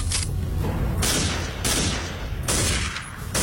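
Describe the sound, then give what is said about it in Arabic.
A volley of loud gunshots cracks out in irregular bursts, roughly four sharp blasts over a heavy, continuous rumble of gunfire, with no voices. “في اطلاق نار”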